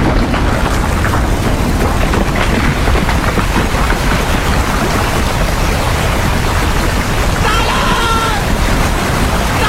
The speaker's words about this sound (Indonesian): Ada gelombang besar datang dari arah hutan.